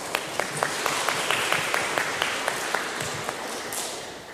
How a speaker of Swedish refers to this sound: Stor applåd.